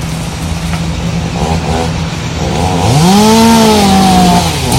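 Chainsaws drone steadily, then rev up into a loud, rising whine as they cut through tree trunks while the trees of a golf club are being felled, holding a high, buzzing pitch with no voices present.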